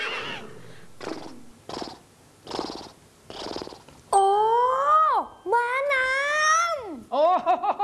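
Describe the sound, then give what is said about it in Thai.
A horse neighs in a few loud, drawn-out whinnies with a shaky, wavering pitch, coming after a run of rhythmic snorting, breathy pulses. “เป็นปลาใช่ครับมันตั้งชื่อตามสัตว์บกชนิดนึงซึ่งร้องแบบนี้”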